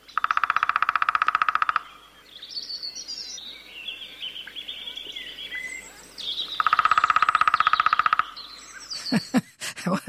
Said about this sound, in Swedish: Mindre hackspett. Ska vi lyssna på trummandet? För det är en sak att de trummar, en annan sak att de kvittrar eller låter. Och den låter inte lika mycket. Den trummar oftare.